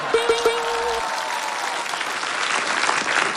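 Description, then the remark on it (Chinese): An audience breaks into applause for a poem titled 'Tianta' (Sky Tower), a dense, steady wash of many hands clapping that holds at a fairly even loudness for several seconds, with a brief tonal note at the start. “我鼓掌吧。”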